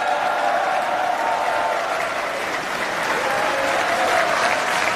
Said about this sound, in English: Engines on the Starship vehicle, SpaceX completing orbital insertion burn to huge applause at Starbase, which you just saw right there on your screen.